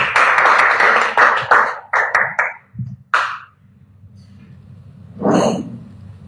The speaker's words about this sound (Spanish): Por favor, felicidades, los aplausos.